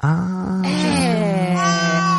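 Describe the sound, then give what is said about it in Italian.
A baby cries in one long, loud, sustained wail lasting a couple of seconds, its pitch wavering slightly, with no talking over it. “No, scusate, sono presa col bambino, ma sto ascoltando.”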